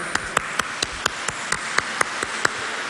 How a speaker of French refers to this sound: C'est magnifique la parole de Dieu, on l'applaudit encore.